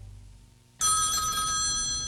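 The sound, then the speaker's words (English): After a quiet moment, a telephone suddenly starts ringing loudly at 5 in the morning, its bright, steady bell tone continuing without a break to the end. “At 5 in the morning, the phone woke us up.”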